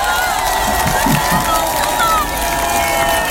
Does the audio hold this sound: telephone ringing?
no